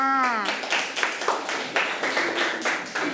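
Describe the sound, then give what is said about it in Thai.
Several children clap together in quick, uneven bursts throughout for a classmate who has just answered, after a brief harmonic voice at the very start. “อ่ะเก่งมากค่ะเด็กๆปรบมือให้เพื่อนด้วยค่ะ”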